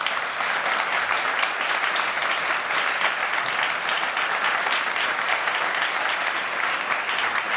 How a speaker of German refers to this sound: Erst einmal ein Applaus, liebes Publikum.